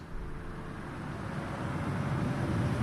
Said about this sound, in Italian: Chiasso, rotonda tra via dei Pedroni e via Alessandro Volta, traffico, motori, nausea. Costante, continuo, perenne, incessante, interminabile, frastuono, a cui siamo, a cui sono assuefatto.